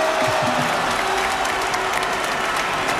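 Steady, dense applause from a large crowd of fans for the Spain national team and its captain, a continuous wash of clapping with scattered cheers and whistles rising above it, sustained without pause.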